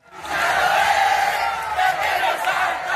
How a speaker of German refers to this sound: Das Spiel ist abgepfiffen, die Fans der argentinischen Mannschaft kommen aus dem Jubel nicht heraus